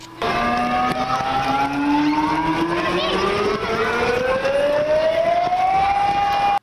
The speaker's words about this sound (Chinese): 上午10点，演练正式开始，校园广播下达应急疏散指令，急促的警报声瞬间响彻整个校园。